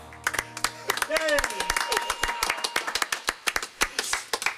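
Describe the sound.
An audience claps in a quick, uneven patter of sharp hand claps as the performers leave, with voices whooping and cheering through the first seconds, then the clapping carries on alone.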